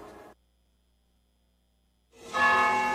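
Church bells toll at noon for the Angelus: one stroke fades out, then after a pause of near silence a loud, ringing stroke sounds and hums on, with no voices.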